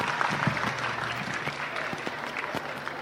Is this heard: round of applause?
yes